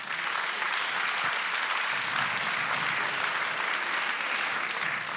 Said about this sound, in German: Wer hatte schon mal Liebeskummer? Bitte einmal Applaus für Liebeskummer.